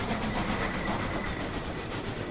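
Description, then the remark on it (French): A prisoner train rumbles steadily along the rails, its broad, continuous roar loud, with a faint rhythmic clatter of wheels running beneath the noise throughout. “Les trajets de ces trains de prisonniers ont été effroyables.”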